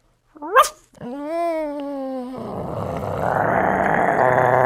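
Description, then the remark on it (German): A person imitates a small dog with a quick high yip, then a sustained whining tone that breaks into a rough, noisy growl, all fairly loud. “Ein kleiner Hund.”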